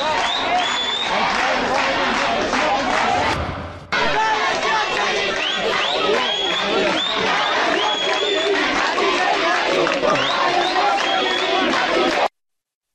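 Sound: crowd shouting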